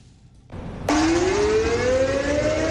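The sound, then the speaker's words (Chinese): An air raid siren test sounds at 10 a.m., held simultaneously across a Chinese province on the anniversary of the outbreak of the War of Resistance: a low rumble builds, then a loud, steady siren wail kicks in abruptly, its tone slowly rising in pitch and holding with no speech over it. “上午10点，防空警报示鸣在全省各地同步进行，提醒人们居安思危，勿忘国耻。”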